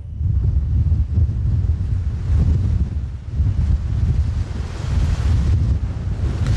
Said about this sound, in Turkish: Tekirdağ'da saatte 80 kilometre hızla esiyor fırtına.